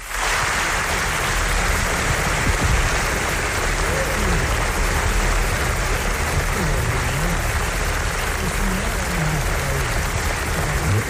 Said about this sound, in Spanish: Que debe de ser impresionante, porque fijaos el aplauso que recibió, que recibieron los directores en la presentación del documental.